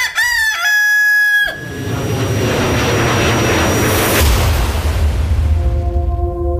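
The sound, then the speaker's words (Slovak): A rooster crows loudly and close up, then a deep rumbling whoosh swells and fades. A steady, sustained tone rises near the end. No one speaks. “Kým sa spametal, skočil som na lietajúceho kohúta a vyletel na jeho chrbte do výšky.”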